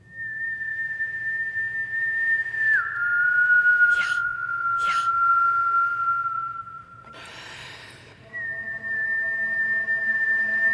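A person whistles long, steady held notes, one sliding slightly lower, broken by a few short breathy puffs and an inhale before a final sustained tone resumes.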